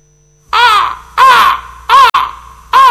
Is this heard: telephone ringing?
no